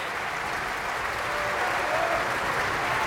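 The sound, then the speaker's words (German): Sustained applause from a large opera audience at a curtain call for Michael Volle, a dense, steady clatter of many hands clapping at an even loudness throughout, with no voices standing out. “Michael Volle hier, der seinen Applaus entgegennimmt.”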